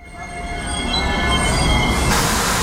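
A train rolls steadily past through Praha Bubny railway station in Prague, Czech Republic: a continuous rumble of wheels on rails with high metallic squealing tones ringing above it, growing slightly louder and brighter toward the end.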